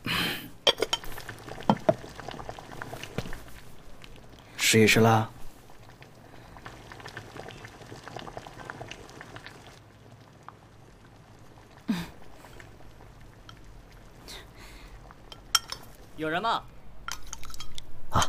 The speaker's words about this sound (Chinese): 哎呀，你看这锅都开了，这开的这么给面子，相逢就是有缘嘛。